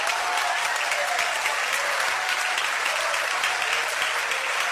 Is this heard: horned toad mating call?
no